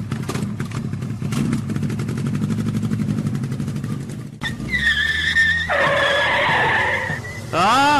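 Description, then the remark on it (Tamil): A motorbike engine rumbles and revs up, then pulls away with rising, whining tones that sweep upward as it rides off to the hometown with a passenger aboard, loud throughout. “ஊருக்கு போலாம், பைக்ல ஏறு.”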